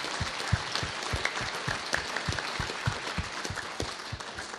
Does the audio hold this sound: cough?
no